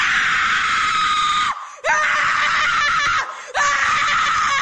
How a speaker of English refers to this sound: How about this? How about scream therapy?